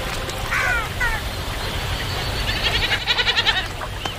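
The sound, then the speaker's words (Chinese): Wild goats that come to drink at a full river bleat several times, short wavering calls followed by a quicker, pulsing run of bleats, over a steady outdoor background hiss. “丰盈的河流不仅滋养了鹈鹕，野山羊等其他动物也会时常来到这里饮水。”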